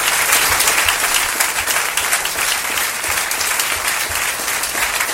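A crowd applauds steadily, a dense wash of many hands clapping at an even, loud level throughout, with no voices standing out.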